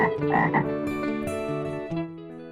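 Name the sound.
frog croaking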